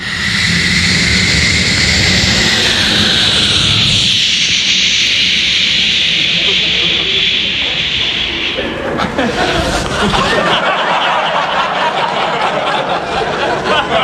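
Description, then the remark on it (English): A voice imitates a United States stealth bomber flying past at an air show, producing a loud, sustained rushing whoosh with a high hissing band that drops away midway, then breaks into noisy, crackly breath sounds toward the end. “First of all, from the United States, we have the stealth bomber. It's like...”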